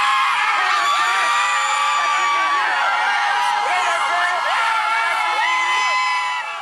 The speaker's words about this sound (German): Als Haitis blauer Mannschaftsbus am Donnerstag vor dem Teamhotel in Boston vorfährt, gibt es bei den Fans kein Halten mehr.